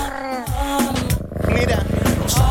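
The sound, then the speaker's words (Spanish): A voice imitates a purr for the cat Gatito Ñau, sent as a greeting to a friend: a steady, buzzing low rumble held for about two seconds, fairly loud, after a short voiced sound at the start. “Gatito Ñau, mándale un ronroneo a la amiga, por favor.”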